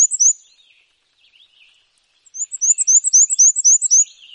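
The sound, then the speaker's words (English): A male black-and-white warbler sings a high, thin, squeaky song: a short opening phrase, a pause, then a rapid series of repeated two-note wheezy notes, clear with no voices. “But they breed in North America's deciduous forests, where males sing a repetitive, high-pitched, wheezy, wheezy, wheezy song, a little bit like a squeaky shopping cart.”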